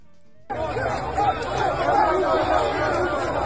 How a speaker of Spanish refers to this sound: ¡Oye, eso es una turba!